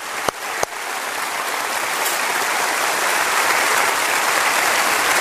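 A crowd applauds steadily, a dense wash of clapping that opens with two sharp individual claps and then swells slightly and holds for several seconds without any voices.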